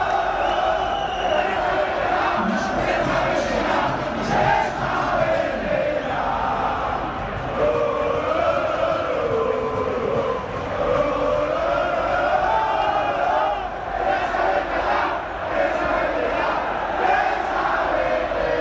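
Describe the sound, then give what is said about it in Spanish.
The football crowd at Vallecas stadium chants loudly and continuously, thousands of voices merging into a droning, rising-and-falling tune that never breaks for the full length. “Y mira, así suena Vallecas, insisto.”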